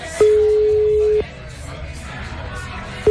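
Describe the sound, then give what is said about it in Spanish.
A phone line's ringback tone: one steady, fairly loud beep lasting about a second, then a pause before the next ring begins, over faint background crowd noise. “A ver, llámale.”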